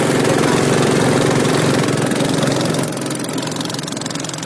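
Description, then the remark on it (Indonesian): The motor of a fiberglass boat, about 8 meters long and 1 meter wide, used to travel between Kampung Laut and the town of Cilacap, Central Java, runs steadily and loudly, a continuous rattling drone with a fast mechanical pulse that eases slightly in volume near the end. No one speaks. “Perahu fiber dengan panjang 8 meter, lebar sekitar 1 meter ini digunakan untuk berpergian dari rumah mereka ke wilayah kota Cilacap atau berada di sekitar kecamatan Kampung Laut.”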